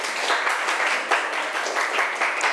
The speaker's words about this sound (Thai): ถูกกันทุกกลุ่มเลยใช่ไหมเอ่ยเก่งมากๆปรบมือให้ตัวเองอีกหนึ่งครั้ง